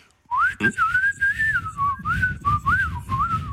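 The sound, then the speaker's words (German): A person whistles a wavering, bird-like melody into a mobile phone to try to fool a bird-song identification app, the pitch gliding up and down in short warbling phrases, with a brief thump near the start and faint background rustle. “Na komm, die App merkt doch bestimmt nicht, wenn ich sie austrickse und mal wie ein Vogel pfeife, oder?”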